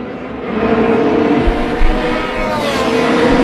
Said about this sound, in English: Congrats to Kyle Kirkwood. I see that Mario Andretti greeted him after he won the IndyCar Freedom 250. The sounds. All the sounds.